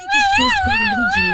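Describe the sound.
A toddler screams in a tantrum: one loud, sustained, high-pitched wail that wavers up and down in pitch for over a second, with a lower voice sounding faintly underneath.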